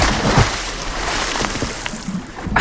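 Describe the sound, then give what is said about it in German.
Water sloshes and splashes continuously as someone swims in the outdoor pool of the open-air bath in Wermelskirchen-Dabringhausen, with a few louder splashy bursts near the end and faint outdoor ambience. “das Wasser ist schon drin und Radio Berg-Reporterin Heike Magnitz durfte exklusiv mit der Katja vom Freibadverein anschwimmen”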